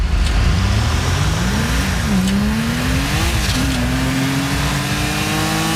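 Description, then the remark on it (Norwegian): A video game car engine drones and revs steadily, its pitch rising and shifting through gear changes, loud and continuous with no voices. “Men for spilleren handler det ikke om milliarder, men om følelsen man får når man setter seg inn i bilen i en virtuell verden og har total frihet.”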